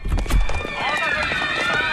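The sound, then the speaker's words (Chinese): Hurried footsteps of several people running down the stairs of a residential building, a quick run of heavy thuds strongest in the first half, with raised voices carrying over the commotion. “哟，这人们都在往楼下跑啊，是不是着火了？”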